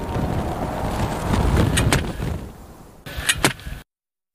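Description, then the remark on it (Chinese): A strong desert wind roars steadily over sand dunes, sending sand grains rolling, with a deep, rumbling low end, swelling in the middle, joined by a few sharp gusting rattles before it cuts off abruptly. No one speaks. “一场大风正在袭来。”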